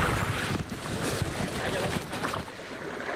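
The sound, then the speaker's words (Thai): A steady outdoor breeze buffets the microphone over a lake above a dam during kayak paddling in Phu Kao–Phu Phan Kham National Park, Non Sang District, Nong Bua Lamphu Province: a continuous rushing hiss with faint splashes and gusts rising and falling throughout, no voices present. “กิจกรรมพายเรือคายักบริเวณริมทะเลสาบเหนือเขื่อนบนรัฐในเขตอุทยานแห่งชาติปู่เก้าปู่พันคำอำเภอโนนสังจังหวัดหนองบัวลำพูท่ามกลางบรรยากาศสายลมและอากาศบริสุทธิ์”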